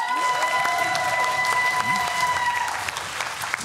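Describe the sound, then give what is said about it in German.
A studio audience, the 42 spectators seated behind Judith and Elton, claps and cheers steadily, a dense wash of applause that holds for several seconds, with a few sustained tones ringing over it before the clapping starts to thin. “Aber die sind laut wie 58.”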